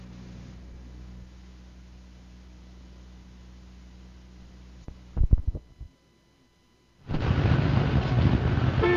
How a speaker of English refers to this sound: Well, here we are again, 7:30 in the morning and sitting in another traffic jam.